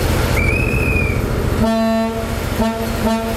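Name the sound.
historic diesel train horn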